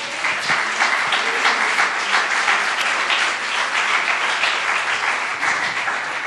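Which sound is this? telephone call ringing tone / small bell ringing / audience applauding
audience applauding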